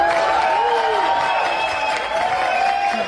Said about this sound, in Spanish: De los aplausos.